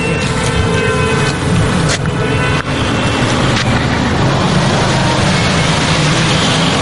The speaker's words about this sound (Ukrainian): Але саме в цей момент водії починають ганяти дорогою на шаленій швидкості.